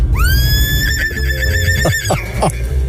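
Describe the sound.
A person's voice imitates a horse whinnying, a high rising cry that wavers rapidly before breaking into shorter descending snorts, loud over a dense background rumble.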